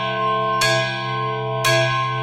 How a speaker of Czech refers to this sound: Jsou tu i větší. Třeba tento. Nebo zde? Já používám tento velký zvon.